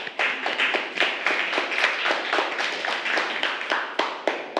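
A class of children claps for their classmates in group 5 in a dense, steady burst of applause, many quick overlapping hand claps at an even loudness with no voices.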